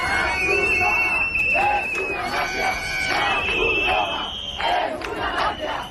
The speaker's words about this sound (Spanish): La Cruz Roja es una mafia, gritaban.